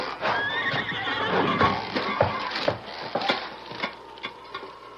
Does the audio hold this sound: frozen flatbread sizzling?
no